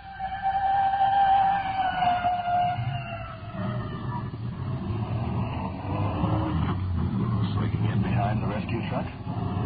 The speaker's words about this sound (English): It's red. Fire department rescue squad. Slowing down. We're pulled over to the side now. Let the respirator truck go by. Here she goes.